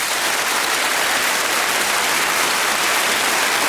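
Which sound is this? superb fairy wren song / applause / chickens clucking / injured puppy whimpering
applause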